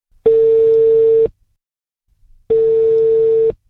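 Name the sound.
telephone call ringing tone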